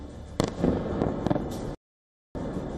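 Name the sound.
missile impact explosions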